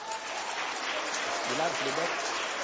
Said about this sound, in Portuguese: Pode louvar a Deus com as palmas.